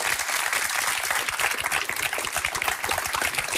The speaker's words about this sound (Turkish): Canlı daha iyi değil mi? Böyle bir alkış ama canlı daha iyi.